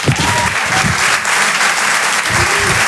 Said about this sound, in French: Ça pourrait être un tonnerre. D'applaudissements.